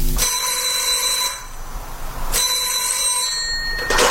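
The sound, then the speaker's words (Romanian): A telephone rings twice, each ring a bright, trilling electric bell lasting about a second, separated by a pause. Loud, with no voices. “Într-o seară mi-a telefonat Michel.”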